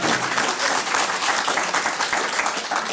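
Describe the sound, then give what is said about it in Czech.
Sustained applause from an audience, a dense, steady wash of many hands clapping at once, fairly loud and even throughout with no voices standing out. “Máme vám zatleskat taky.”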